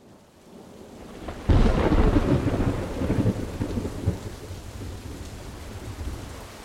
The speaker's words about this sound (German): Das Wasser kam mit einer ungeheuren Geschwindigkeit. Der Gewitterguss war mit 50 Liter auf dem Quadratmeter über dem Dorf niedergegangen.